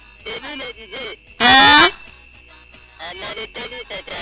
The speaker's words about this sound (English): Is that my phone line?